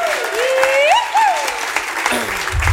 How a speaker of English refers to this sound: So give him another big round of applause.